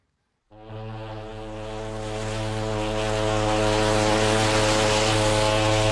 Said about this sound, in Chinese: 香港在望，汽笛声中，客轮渐渐靠近码头。